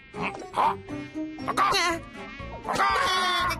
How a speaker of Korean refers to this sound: 죄송합니다, 레오 박사님. 모기를 잡고 있었습니다.